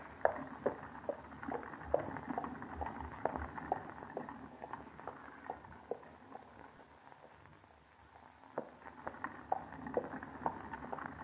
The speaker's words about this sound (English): Hey, get along there, Major. Doggone old horse must have the rheumatiz this morning.